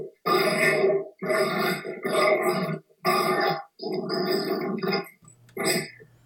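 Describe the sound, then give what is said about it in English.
Adopted dogs grunting in a loud run of about six rough, throaty bursts, each under a second long, with short pauses between them and no talking. “Listen to these clowns.”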